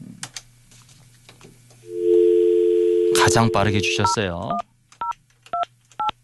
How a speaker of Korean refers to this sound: 자, 그러면 이분에게 한번 전화를 한번 걸어보도록 하겠습니다.